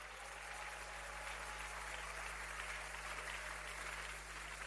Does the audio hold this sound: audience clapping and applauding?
yes